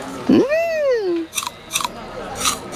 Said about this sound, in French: Tiens, Toudou, une pomme verte. Tu veux croquer dedans?